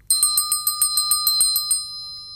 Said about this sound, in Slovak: Aha, tu je. Nevie síce hľadať, ale vie privolávať. Zvonček. Bábika, prosím ťa, pomohol by som ti hore na poličku. Nože sa načiahni tamto za zvončekom, nech privolá pána vedúceho.